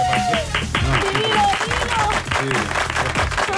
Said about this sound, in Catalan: I cada dia aquí s'aplaudeix menys i amb menys entusiasme.